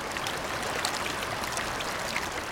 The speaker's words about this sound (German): Wasser prägt das Terrain im oberen Gasterntal. Mit Wucht schieben sich die Fluten der jungen Kanner durch das breite Geröllbett. Besonders dann, wenn der Gletscher droben in der Sommerhitze vor sich hinschmilzt.